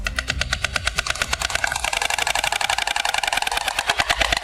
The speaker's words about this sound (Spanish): Es el crotoreo de las cigüeñas, su peculiar canto.